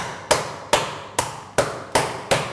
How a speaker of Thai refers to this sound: ถ้าไม่มีค้อนทุบเนื้อที่บ้านเอาอันนี้ลงนะครับแล้วก็หา อะไรก็ได้ที่สามารถทุบได้ใช่ไหมคะ หม้อได้เลยครับตี